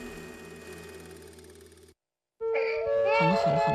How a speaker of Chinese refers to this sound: 好了好了，不哭了不哭了。哦，妈妈抱抱。 哎呀，宝宝怎么了？不舒服吗？ 孩子可能有点吵，打扰大家了。